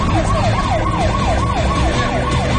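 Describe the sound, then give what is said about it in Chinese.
An ambulance siren wails in quick, repeating rising-and-falling sweeps, loud, with a low rumble of traffic or engine noise beneath it and no voices, at a chaotic hostage scene where police are quickly putting rescued hostages into an ambulance to be checked. “警察们把惊魂未定的人质迅速带上救护车进行检查。此时现场是一片的混乱。”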